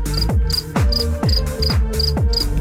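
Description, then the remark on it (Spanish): Regular, high-pitched cricket chirps pulse steadily over a heavy, thumping low bass beat that repeats every fraction of a second, with no one speaking. “Esos son los grillos de titanio, más bien, hombre, están con todos esos grillos.”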